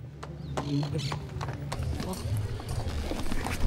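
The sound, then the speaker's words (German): Horse hooves clip-clop in an irregular, overlapping patter of sharp knocks as riders arrive on horseback together with charros in front of a church, over a steady low rumble with indistinct voices murmuring. “wir kommen mit Pferd und unfallfrei gemeinsam mit den anderen Charros vor der Kirche an.”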